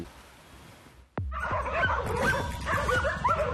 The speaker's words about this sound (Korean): 절 입구에 있는 견보람 개들이 오토바이를 보고 짖으면 그 소리를 듣고 마당견 로이스가 알아차렸던 겁니다.